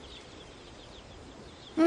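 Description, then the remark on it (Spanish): Faint, scattered chirping runs through a quiet background, then a single loud, short cluck from a chicken at the very end. “Es una gallina joven que pone huevos blancos.”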